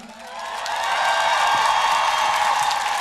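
An audience at a festival concert breaks into applause that swells over the first second and then holds as a steady, dense wash of clapping, with cheering voices mixed in.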